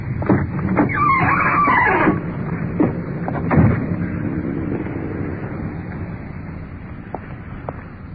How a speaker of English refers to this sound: The uniformed car is pulling up in front with a suspect.